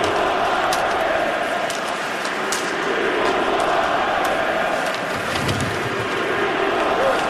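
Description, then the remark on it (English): A hockey arena crowd chants "We want Larkin" less than a minute into a game involving the Montreal Canadiens, a dense, steady roar of many voices with no pause across the seven seconds, punctuated by occasional sharp clacks. “there's a We Want Larkin chant in the first 45 seconds of the game tonight”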